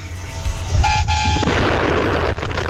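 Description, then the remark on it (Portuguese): A single car horn blares for about half a second over a constant, loud wash of traffic noise and low rumble, with no one speaking. “Ô, povo que gosta de buzinar totalmente, hein? Que legal, que legal. Vamos lá, buzina aí.”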